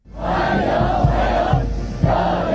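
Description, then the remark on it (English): A large crowd cheers and shouts in unison outdoors, a dense, sustained roar of many voices with rhythmic surges; crowds waving US and Chinese flags at a formal welcome for Donald Trump in Beijing, China. “Donald Trump has arrived to a formal welcome in Beijing, presented with flowers and crowds waving US and Chinese flags.”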